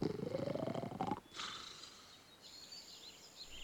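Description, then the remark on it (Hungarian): A wolf, lying down well-fed beneath a chimney, breathes heavily with a deep, rising groan, then quieter huffing follows as faint birds chirp in the background. “Azzal jól lakottan befekszik a kémény alá, nagy szuszogva.”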